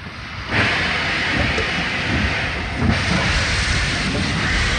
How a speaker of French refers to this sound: Entre mars 42 et août 44, près de 50 000 personnes vont passer par Compiègne. Les trains rejoignent Soissons puis l'Allemagne. Le 27 mars 1942, le premier convoi s'élance, le tout premier d'une longue liste.